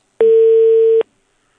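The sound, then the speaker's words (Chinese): A single steady, mid-pitched telephone ringing tone sounds once on a call placed during a radio call-in show, holding for under a second before the called party hangs up, loud and clear with no voices. “对，响一声就给挂了。”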